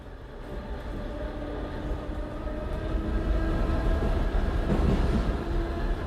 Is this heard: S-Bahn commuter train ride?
yes